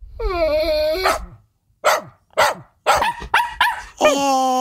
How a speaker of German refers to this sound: Oh, es geht um Hunde.